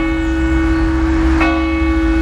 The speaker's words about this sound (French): Ils en avaient marre d'entendre les cloches de l'église. Elles ont sonné en continu dans la nuit de lundi à mardi, de minuit à 7h du matin. Une panne probablement due aux orages, mais impossible de savoir ce qui s'est passé exactement.